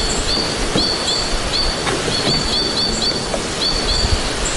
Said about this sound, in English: That chatter, a white-winged crossbill, the crimson-colored birds high in the spruce trees, they have been abundant. They've been abundant this spring for a month or more now. Through May into June, these birds are singing abundantly.